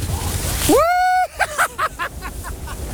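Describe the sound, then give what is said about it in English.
A person whoops loudly while sliding down a giant water slip and slide on a farm, reached by climbing 35 steps, followed by a quick series of splashy water bursts that fade out. “I've climbed the 35 steps to the top and I'm about to get in and find out what this giant slip and slide is all about.”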